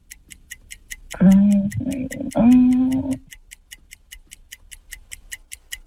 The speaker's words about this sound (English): I think you could express to our listeners, when you hear the clock starts, your mind goes blank sometimes, doesn't it? It sure does.